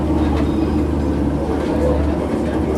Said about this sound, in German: Das niedrigere Rumpeln liegt, soweit ich weiß, auch daran, dass wir gerade auf einem eingebetteten Asphaltgleis stehen